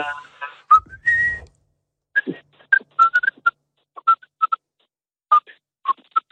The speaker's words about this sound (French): J'aime bien siffler, moi. Oui. Ah, vas-y. Qu'est-ce que tu nous siffles un petit truc? Vite fait.